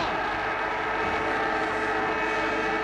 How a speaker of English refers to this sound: It's Ireland for Collingwood. He's taken the mark, and here they go. Bond's got it, and there's the siren.